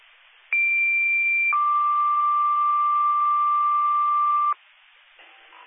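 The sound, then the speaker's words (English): Fire dispatch alert tones over a scanner radio, sent to group one home monitors for a fire alarm call: a short high tone, then a longer, lower steady tone lasting about three seconds, both loud against a faint hiss of radio static. “Hit the fire alarm, group one, home monitors.”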